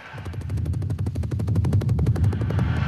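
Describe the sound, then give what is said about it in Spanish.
A machine gun sound effect fires in a rapid, steady stream of sharp bursts, loud, with a heavy low rumble under the rattle and no pause for about three seconds. “Lo que pasa es que has pillado la ametralladora por ahí.”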